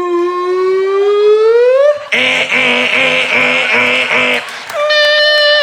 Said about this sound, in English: It's late at night and you're laying there and all of a sudden, outside, you hear a car alarm go off for like 46 minutes. You're just laying there.